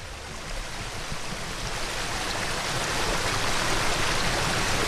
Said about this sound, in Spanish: Suena como río, pero es un arroyo, el arroyo Lope Marro, que atraviesa la parte del término concejil de Eguileta, bajo unos frondosos hayas.